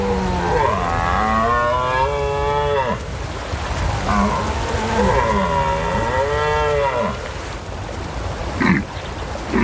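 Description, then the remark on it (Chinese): A male European red deer stag, fending off wave after wave of challengers, bellows twice, each call a long, deep, moaning roar lasting a few seconds, followed by a brief, sharp grunt. The calls are loud, with no voices. “每一次对抗都在消耗这只雄性欧洲马鹿的体力，它必须击退一波又一波的挑战者。”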